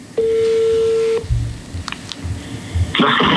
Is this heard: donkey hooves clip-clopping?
no